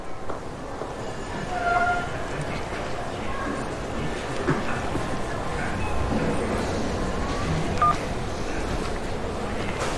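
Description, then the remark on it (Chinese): A few brief telephone keypad dialing tones beep through steady, rushing background noise, with a short pair of beeps early on and another single beep near the end, as a phone number is dialed that turns out to be out of service. “拨打的电话已停机。”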